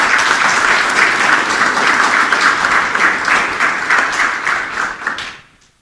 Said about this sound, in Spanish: Bien fuerte los aplausos.